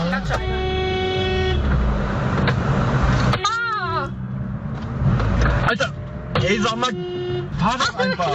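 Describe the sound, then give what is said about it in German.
Several car horns, honked by stressed drivers, sound repeatedly in busy traffic, long sustained blasts overlapping with shorter toots, loud, over a steady rumble of engines and street noise. “Und wenn ihr uns gerade im Auto hört, dann hoffen wir wirklich, ihr seid entspannter unterwegs als diese Menschen hier.”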